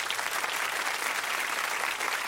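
Steady, dense applause from a group of people, clapping continuously at a consistent level for a couple of seconds with no voices standing out.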